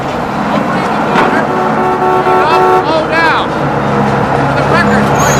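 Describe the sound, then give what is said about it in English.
A boat engine rumbles loudly and steadily while a barge comes in, with drawn-out horn-like tones and some indistinct voices rising over the churning noise. “Nearby, Brody waits as a barge arrives.”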